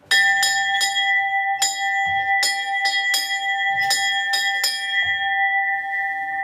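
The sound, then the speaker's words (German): A large ornate metal Heimfahrglocke, an alpine cattle-drive cowbell for the Almabschluss, at the Talmuseum in Hütschlag, Salzburg, rings repeatedly in an irregular clanging rhythm, loud, with bright sustained overtones ringing on between strikes and no voices. “Und da ist die Heimfahrglocken. Sollte das einmal leiten?”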